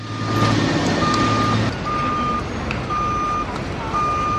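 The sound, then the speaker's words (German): A truck's reversing alarm beeps steadily at a single high pitch, repeating in regular pulses over a loud, rumbling wash of engine and construction noise at the huge Ground Zero construction site in New York, where the World Trade Center towers once stood. “Der Ground Zero, wo einmal die Türme des World Trade Center in die Höhe ragten, ist heute eine gigantische Baustelle.”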